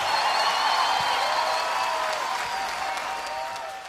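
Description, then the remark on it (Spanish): A crowd in Curaçao applauds Sergio George steadily, many hands clapping in a dense, continuous wash of sound that holds loud throughout and eases slightly toward the end. “Aplausos para Sergio George.”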